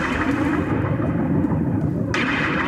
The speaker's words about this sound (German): Und achten Sie jetzt mal drauf, wenn der Song losgeht, hören Sie ganz am Anfang so Regentropfen, die so, so aufploppen.